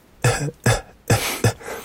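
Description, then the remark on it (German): A voice imitates a man's quiet, persistent cough, one that goes on from morning to night: four short, muffled hacks in a steady rhythm, without any speech. “Der ewige Husten vom Morgen bis zum Abend, zur Nacht auch noch.”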